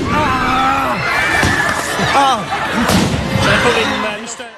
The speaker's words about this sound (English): It's at that point some of the demonstrators let off fireworks.